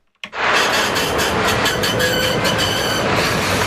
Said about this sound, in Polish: Co to był za tramwaj, co odjechał? To był... Soul Tram!